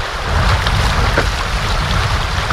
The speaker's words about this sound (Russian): Наш плот обгоняют любители сплава на байдарках, вызывая волны, на которых покачивается наше плавсредство. Вода бьется об борт.